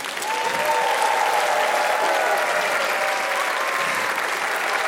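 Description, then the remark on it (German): Steady, dense applause from a large audience of children in a hall fills the whole stretch, loud, with faint cheering voices mixed into the clapping, given after the last song at the end of the show. “Der Applaus ist für euch.”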